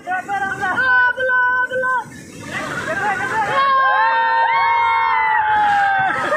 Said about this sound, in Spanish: Los gritos le advertían del peligro inminente y pasó.